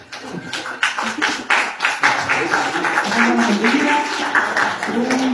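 A crowd applauds with steady, dense clapping throughout, starting with a few sharp claps and building into continuous applause, with faint voices mixed in underneath.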